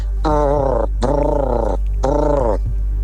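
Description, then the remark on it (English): A person imitates a turkey for a five-second quiz challenge, with three warbling, throaty vocal bursts, each about half a second long, separated by short pauses over a steady low hum. “Give us 5 seconds of a noise you'd make if you were a turkey.”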